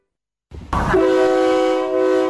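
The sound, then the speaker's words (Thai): A State Railway of Thailand air-conditioned KiHa 40/48 diesel railcar train on the Don Mueang–Ayutthaya route rumbles in, then sounds a loud, sustained horn blast that holds steady to the end, with the engine's low drone continuing beneath it. “มาแล้วมาแล้วจ้ารถไฟแห่งประเทศไทยเปิดให้บริการขบวนรถดีเซลรางปรับอากาศคิฮะ4048เส้นทางดอนเมืองอยุธยาทุกวันจันทร์ถึงวันศุกร์แบบไปกลับรวม6ขบวนต่อวัน”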